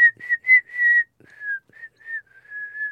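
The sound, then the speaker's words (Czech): Someone whistles a jaunty sailor's tune, a quick run of clear, bright notes with short gaps between them, with no talking around it. “A z nás praví námořníci a klidně jsme si mohli pískat.”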